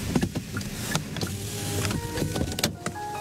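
A delivery truck weaves through narrow alleys in Incheon City, west of Seoul, at 11 p.m., heard from the passenger seat inside the cab, with a steady engine rumble, a whirring motor and scattered clicks and rattles. Nobody speaks.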